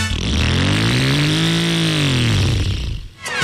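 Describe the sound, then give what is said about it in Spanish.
A motorcycle engine revs loudly, its pitch climbing then sinking back down in one long sustained rev before cutting off abruptly near the end. “Pero creo que con esa moto no.”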